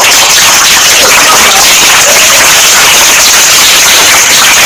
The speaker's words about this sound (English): Round of applause for them.